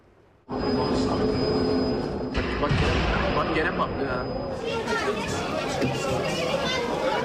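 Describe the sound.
A metro carriage on the Üsküdar–Sultanbeyli line in Istanbul rumbles loudly in motion at rush hour, a thin high wheel squeal ringing over the steady roar, while many panicking passengers' voices clamor and chatter throughout after an explosion in the line's cables.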